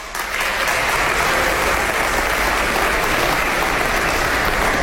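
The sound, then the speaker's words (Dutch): A crowd applauds steadily, a loud, dense wash of many hands clapping that starts abruptly and holds at an even level throughout, with no voices standing out. “Ik ga door mijn speech ze allemaal noemen, dan moeten we wel voor iedereen klappen, hè.”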